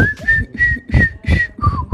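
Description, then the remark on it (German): Someone whistles a short tune, a few sustained notes stepping between pitches, with soft breathy or hummed sounds underneath and no speech. “Also ihr könnt es nachsummen oder pfeifen. Sowas hier zum Beispiel in der Richtung geht auf jeden Fall.”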